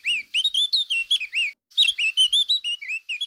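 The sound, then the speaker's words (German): Eurasian blackcap song, the most common breeding bird in Switzerland: two bursts of quick, varied, fluty warbling notes separated by a short pause, clear with no voices. “Das ist die Mönchsgrasmücke.”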